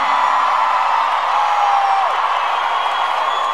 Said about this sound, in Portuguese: Quem gostou, solta o gritão.